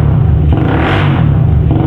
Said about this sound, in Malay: Suara motor yang kayak gini yang aku pengenin.